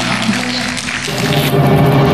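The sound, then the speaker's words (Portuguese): An audience claps for Jesus in a dense, continuous wash of applause that stays loud for about two seconds, with a low sustained musical tone humming underneath. “Aí, aplauda Jesus!”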